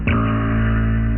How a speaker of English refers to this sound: Minke whales sound like plucked strings.